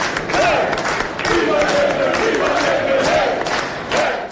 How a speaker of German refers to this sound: Jubel in Maltas Auszählungszentrum in Nashar, als die ersten Teilergebnisse bekannt gegeben werden. Noch bevor der Wahlausgang offiziell feststeht, sind die Zahlen so eindeutig, dass die Labour-Delegierten "Hoch lebe Labour"-Sprechchöre anstimmen.